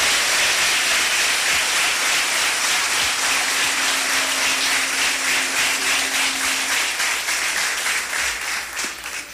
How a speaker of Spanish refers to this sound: Gracias una vez más por estar junto a nosotros en este momento y podemos mandar un aplauso a nuestros hermanos que nos miran en todo el país.